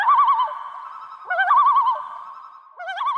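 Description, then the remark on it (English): A common loon, swimming toward a family camping in Alberta, calls in three loud, wavering tremolo phrases, each rising briefly and then quivering rapidly, with short pauses between, with no voices. “Gibson told guest host Mike Finnerty what he was thinking when he noticed a loon swimming right toward him.”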